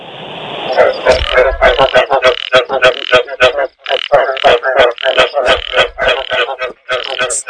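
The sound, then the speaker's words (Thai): Rapid, rhythmic croaking of a single frog repeats steadily throughout, loud, with a constant high insect-like trill underneath and no voices. “เอาไงคะ ก่อนจะเสียงอะไรครับกบร้อง เสียงกบร้อง มีสักกี่ตัวคะ ร้อง หนึ่งตัวค่ะ หนึ่งตัวเนาะ”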